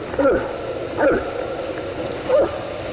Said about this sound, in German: Ja, irgendwie so ein kleines Schlucken hier, ne? Ist aber ein Elch. Es hat sich herumgesprochen, dass es auch hier bei uns in Brandenburg immer wieder Elche gibt.